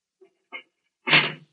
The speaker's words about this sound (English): I wish you to walk to that cell in the far corner. Go in and close the door behind you.